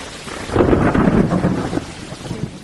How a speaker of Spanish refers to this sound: Son las tormentas del final de verano, que creo que suelen ser pues a final de agosto normalmente